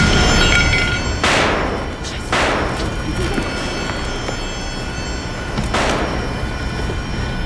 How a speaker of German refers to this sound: Schulterblatt 116. Es sind Schüsse gefallen.